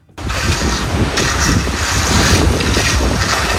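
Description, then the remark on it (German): Strong, steady wind roars and buffets the microphone outdoors, with low rumbling and scraping, rustling activity underneath as roll-out turf is raked, rolled out and then rolled over with a roller. No one speaks. “Da geht der Wind, da wird gerecht, Rasen ausgerollt, drüber gerollt mit einer Walze.”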